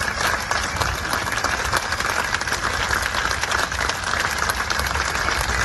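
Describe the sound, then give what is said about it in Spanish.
A large crowd applauds steadily as a coffin is carried out of the Museo do Pobo Galego at a farewell, with hundreds of people gathered outside; dense continuous clapping fills the whole stretch at an even level without a break, with no clear speech on top. “Su féretro ha salido entre aplausos del museo.”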